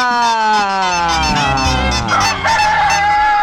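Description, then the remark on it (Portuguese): A loud, drawn-out rooster crow rings out, with sharp hen clucks peppered through it, filling the whole few seconds without any talking, played for the 'brincadeira do Galo e da Galinha' game on the Guilherme Santos radio program. “é hora de brincar na brincadeira do Galo e da Galinha!”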